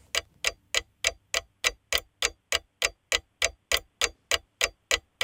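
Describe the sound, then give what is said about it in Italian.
A quiz countdown clock ticks steadily during a question on which sculptor made Rome's Fountain of the Four Rivers, sharp bright clicks about three per second, each with a short ringing tail, repeating evenly with no voices over it, ending with a cuckoo signal. “Proprio sul gong, proprio sul cucù è arrivata la risposta esatta.”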